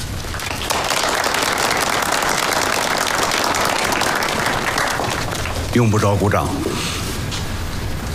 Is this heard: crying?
no